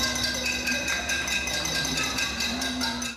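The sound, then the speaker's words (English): Residents in Havana, Cuba, banging pots and pans at a nighttime protest over power outages: a loud, continuous metallic clatter of overlapping ringing strikes with no clear rhythm, sustained throughout before fading slightly at the end. “Residents were heard banging pots and pans after calls on social media to protest power outages that have become all too common for Cubans.”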